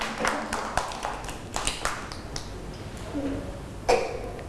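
A group of children in class clapping for a classmate who answered questions about looking after their health, in a loose, uneven patter of sharp hand claps, modest in volume, with one louder burst near the end and no steady rhythm.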